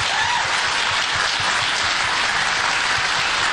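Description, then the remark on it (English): A crowd at a political rally applauds steadily, a dense, loud wash of many hands clapping at once that holds at an even level throughout, with no voices standing out. “They clapped.”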